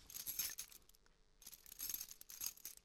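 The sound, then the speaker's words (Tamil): Keys jingle and scrape as someone tries to open a house door lock that the key will not go into, in two bursts of soft metallic clinking separated by a brief pause, quiet with no voices. The lock is not the household's own; someone had replaced it with another lock. “என்னது, சாவி பூட்டில் போக மாட்டேன்னு?”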